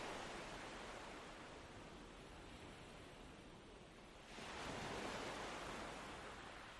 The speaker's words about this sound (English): It is very calm, and the waves break like small sighs against the sand.